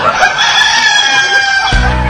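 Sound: chicken clucking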